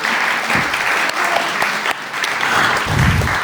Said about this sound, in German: Nochmal einen großen Applaus für meinen Pianopartner, den Maestro Joe Penzlin.